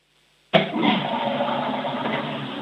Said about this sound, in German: Oh ja, ihr habt eine laute Klospülung.